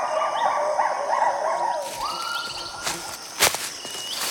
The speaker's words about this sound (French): Ce sont deux gibbons lards. On dirait qu'ils communiquent. Leurs cris caractéristiques sont tellement puissants qu'ils peuvent s'entendre jusqu'à 1 km à la ronde.